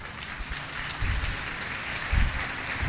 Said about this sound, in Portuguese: Recebido com aplausos o nosso Rossandro.